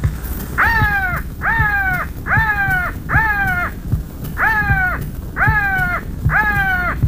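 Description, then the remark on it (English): Loud crow calls, an attraction call for crow hunting given by a man from Minneapolis, Minnesota: seven harsh, nasal calls in quick succession, a run of four and then, after a brief pause, three more, over a low background rumble. “who will give us the best crow calls for good crow hunting. Attraction call.”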